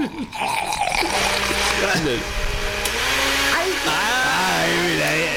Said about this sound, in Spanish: La licuadora grande, industrial. Industrial, exacto.